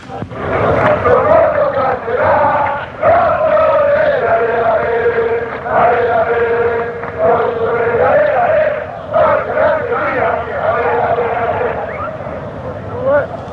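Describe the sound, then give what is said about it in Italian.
A large crowd of football fans sings a simple encouragement chant for their team in unison, set to the same tune as the Fossa's anthem, loud and continuous, the melody rising and falling over a steady roar of massed voices. “Niente, questo è un coro di semplice incitamento per la squadra, uno dei tanti.”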